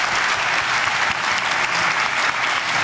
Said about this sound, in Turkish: Başkan Recep Tayyip Erdoğan NATO Liderler Zirvesi sonrası düzenlediği basın toplantısında gazetecilerin sorularına verdiği esprili yanıtlarla salonda uzun süre alkışlandı.